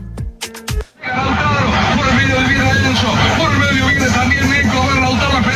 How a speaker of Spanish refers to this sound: Él está con las manos en el timón y está el gol, él aplaude, hay un grito de una argentina que está enloquecida, que es la que está grabando definitivamente, ¿ah?